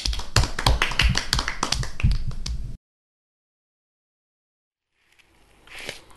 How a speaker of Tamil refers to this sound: ரொம்ப அருமையாக திருக்குறள் சொன்னார் தம்பி. எல்லாரும் கை தட்டுவோமா?